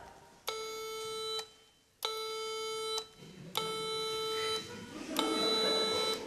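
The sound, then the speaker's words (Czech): A tuning fork beeps its single tone, the note A, four times, each buzzy beep lasting about a second with short pauses between, the last two over a faint low murmur. “Ladička jenom smutně pípla a uklidila se do koutka.”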